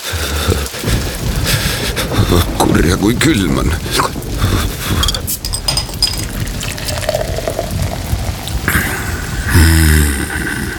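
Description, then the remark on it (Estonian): Steady heavy summer rain hisses and pours throughout as a dense, unbroken wash of noise, while a person speaks over it in short remarks. “Isegi selle, et suvel kallab.”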